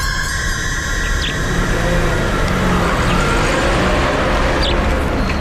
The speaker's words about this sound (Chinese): 一辆卡车迎面开过来，错了过去。